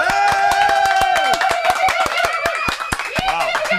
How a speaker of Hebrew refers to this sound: איפה, איפה כפיים